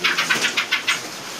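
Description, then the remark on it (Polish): Redwings and song thrushes calling: about six short, bright, high-pitched notes in quick, fairly even succession, moderately loud, with no voices, then a faint hiss after the final note. “głównie droździki i śpiewaki, pojedyncze pszczoły.”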